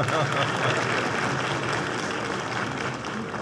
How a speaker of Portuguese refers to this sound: Convido também o senhor Joaquim Bezerra, que é o presidente do Conselho Federal de Contabilidade. Pode aplaudi-lo. Faltou aplaudir nosso senador Laércio.